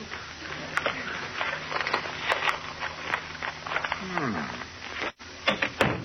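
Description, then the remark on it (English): A door creaks open as a man comes out, then shuts with a solid knock, surrounded by scattered clunks and shuffling movement. “about a half hour later, Ozzie comes out and... Oh, here he comes now.”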